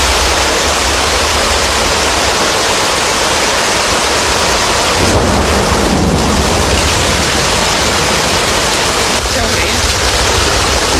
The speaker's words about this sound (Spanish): Com un riu d'aigua, Això comença a fer por,